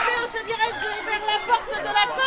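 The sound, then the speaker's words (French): Lively chatter of many children's voices overlapping as they play in the new planted schoolyard of the newly opened Claude Bernard school in Tours, France, high-pitched shouts and calls rising above a steady babble that stays fairly loud throughout. “Difficile de canaliser les enfants qui jouent dans leur nouvelle cour végétalisée.”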